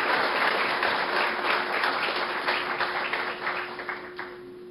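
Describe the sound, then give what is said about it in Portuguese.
An audience at a church gathering applauds Pastor Elias Andrade, president of the Ibiúna Council of Pastors, and his wife as they stand. The clapping is a dense, steady wash that holds strong for several seconds, then gradually thins and softens toward the end, with a faint steady hum underneath. “Aplaudimos a Deus pela vida dos amados.”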